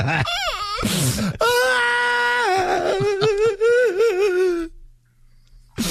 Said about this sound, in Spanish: No te estés llorando